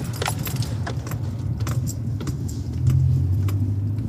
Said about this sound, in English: So we're just at the mouth of Salt Creek, where Salt Creek runs into the Coorong, and we're driving on top of a sand dune beside Salt Creek. It's quite a windy day, but the water in the Coorong here is very calm.